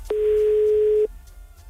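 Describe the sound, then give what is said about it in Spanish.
A single telephone call tone sounds steadily for about a second while dialing a call that goes to voicemail, clear, then cuts off abruptly into a faint low hum with no one speaking. “La llamada se cobrará al terminar los tonos.”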